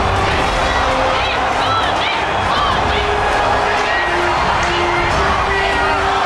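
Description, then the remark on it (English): A large arena crowd in Australia roars steadily, with cheering, whoops and rhythmic chants of "Modi, Modi" rising above a dense wall of voices as crowds dance and sing for Prime Minister Modi. “Inside the arena, crowds broke into synchronized dances, songs, and chants of Modi, Modi.”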